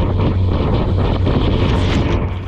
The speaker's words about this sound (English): All right, the Chinese ship has moved within 10 meters of the Philippine boat and is now actually hitting the ship with its water cannon.